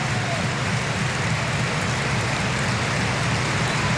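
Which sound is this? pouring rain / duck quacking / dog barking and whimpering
pouring rain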